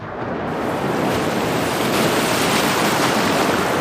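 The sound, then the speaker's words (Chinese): Steady, loud ocean surf fills the whole recording with a broad rushing wash of waves, swelling slightly after the opening half-second and holding constant, with no voices. “这片看似阻碍重重的大海，恰恰就是破解难题的钥匙。”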